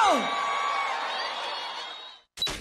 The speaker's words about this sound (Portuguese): Gastando um gritinho!